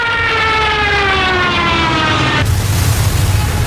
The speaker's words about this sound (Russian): 17 октября в 11 часов над городом появились фашистские самолеты и посыпались первые фугасные и зажигательные бомбы.